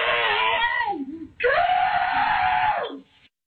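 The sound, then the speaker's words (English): Slowed-down screaming of a mother and her children as a dog carries an armadillo into their house, stretched into two long, deep, drawn-out wails separated by a brief pause, loud, with the pitch sagging low as each cry trails off. “For journalism reasons, here's part of that clip again in slow motion.”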